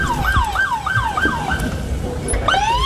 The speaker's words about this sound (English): No, I love the fact that every live shot from the park has sirens going off and crazy people screaming at the top of their lungs. The soundtrack of chaos. Following all the DEA agents over there. Lights and sirens on.